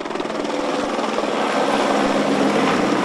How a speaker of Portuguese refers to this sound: O helicóptero Pelicano da Polícia Civil sobrevoou o cemitério em sinal de respeito.